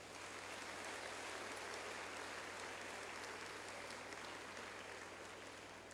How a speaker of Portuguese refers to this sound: Aos nossos padres, ao nosso bispo, uma grande salva de palmas.